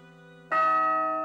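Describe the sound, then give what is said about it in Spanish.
A large town bell rings out, struck once with a loud, bright clang halfway through over the fading hum of an earlier stroke, its deep tones lingering and ringing on steadily. “La mayoría no recordamos la última vez que oímos sonar la campana.”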